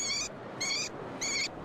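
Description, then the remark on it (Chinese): Three short, shrill courtship calls from a caged hwamei kept in a city, evenly spaced about half a second apart, ring out over a steady wash of loud city background noise. “这是城市中圈养的画眉鸟的求偶声。”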